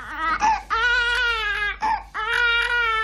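An infant girl, older than 10 weeks and younger than 20 weeks, cries in loud, sustained wails, three long bursts separated by brief gasping breaths, clear with no other voices.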